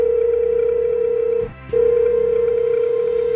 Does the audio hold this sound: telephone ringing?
yes